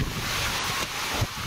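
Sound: strong storm wind blowing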